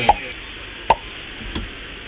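A corkscrew drawing a cork: two sharp, hollow pops spaced under a second apart, then a softer third one, with no voices.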